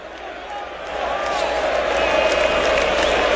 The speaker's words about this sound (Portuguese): mas pro seu lado direito a torcida puxa cânticos para empurrar o time do São Paulo. O protesto vem por parte das organizadas do lado esquerdo, que vão começar a cantar apenas depois dos 15 minutos. Ouça um pouquinho do Morumbi, ó.